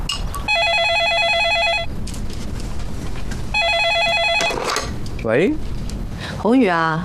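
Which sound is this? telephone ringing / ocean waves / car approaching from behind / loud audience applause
telephone ringing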